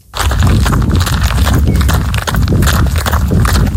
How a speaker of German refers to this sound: Joggen.